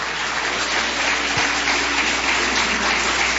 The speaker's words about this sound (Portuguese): Levante a sua mão para o céu, levante. Vamos receber o nosso pastor aplaudindo a Jesus. Palmas para Jesus.